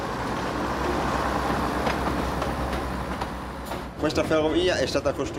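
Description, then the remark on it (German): A narrow-gauge train on Sardinia's east coast, leaving Arbatax on the remaining southern narrow-gauge line to Cagliari as part of the Trenino Verde project, runs with a steady low rumble and broad rattling noise for several seconds, then a voice begins speaking over the continuing train sound. “Wir befinden uns nun an der Ostküste in Arbatax und befahren das noch verbliebene südliche Schmalspurnetz bis nach Cagliari.”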